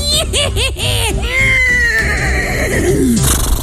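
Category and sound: animal, horse neighing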